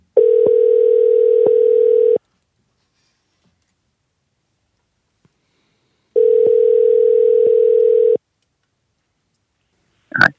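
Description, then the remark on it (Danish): A telephone ringback tone of a call placed from Copenhagen sounds twice, each a steady mid-pitched buzz lasting about two seconds with a few faint clicks, separated by about four seconds of silence, followed by a brief click as the line picks up. “der kalder fra København.”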